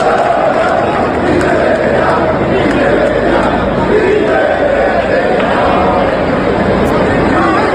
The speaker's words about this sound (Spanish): Estos gritos de Peter Betellá, de estos gritos de indignación, pues tenemos la memoria llena